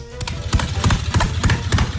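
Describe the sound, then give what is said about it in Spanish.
An Italian moka coffee pot gurgles and sputters steadily, with a low bubbling rumble broken by repeated hissy bursts at an uneven rhythm, moderately loud and with no voices. “A ver, esto es una cafetera italiana”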